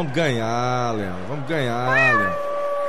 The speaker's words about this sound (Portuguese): Ó o gato, né, gato? Gato, rei.